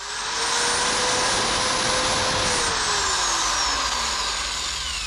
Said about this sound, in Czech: 3, 2, 1, vrtačka. Ano, první správně.